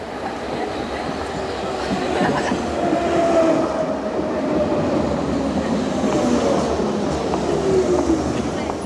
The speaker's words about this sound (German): Dann kommt die S-Bahn.